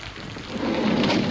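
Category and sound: nature, rain with thunder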